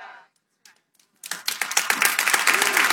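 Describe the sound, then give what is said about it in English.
A brief voice trails off, then after a short pause one person starts clapping, a quick, steady stream of sharp claps that grows louder and continues to the end. “I'll clap for that myself.”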